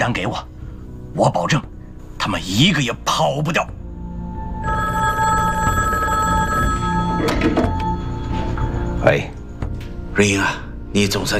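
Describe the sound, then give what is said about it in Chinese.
A telephone bell rings steadily for several seconds, a bright, continuous metallic trill, with people talking just before it starts and again as it fades out. “你总算接电话了。”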